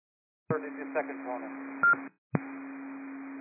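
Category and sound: signal or alarm, radio dispatch alert tones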